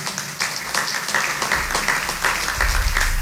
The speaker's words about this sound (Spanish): Les invito a que les demos un fuerte aplauso de agradecimiento por su trabajo.